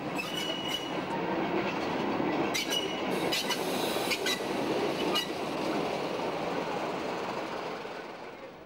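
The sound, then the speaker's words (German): A rail vehicle rattles along the tracks on a trip back to Darmstadt-Ost station in Darmstadt, loud, with a steady rumbling roar, rhythmic clatter and brief metallic squeals, fading slightly near the end. “Laut, aber gemütlich geht die Reise zurück zum Bahnhof Darmstadt-Ost.”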